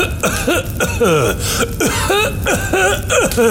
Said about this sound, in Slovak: Noc strávil kráľ v chudobnej chalupe. Ráno sa zobudil na ďalší záchvat zadúšajúceho kašľa.